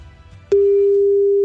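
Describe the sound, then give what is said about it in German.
A faint low murmur gives way to a telephone ringing tone as a radio station calls a listener who entered a prize draw, a loud, steady, mid-pitched beep that starts abruptly and holds unbroken to the end. “Klingelt schon mal.”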